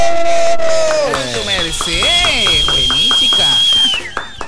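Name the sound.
applause and cheering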